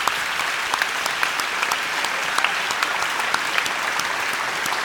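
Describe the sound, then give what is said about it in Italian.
Steady audience applause for a lady, filling the whole stretch, a dense crackle of many hands clapping at once, fairly loud and even, with no voices standing out above it. “Facciamo un applauso alla grazie signora.”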